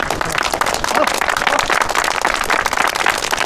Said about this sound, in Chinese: 哎呦，新同志，自告奋勇，鼓掌。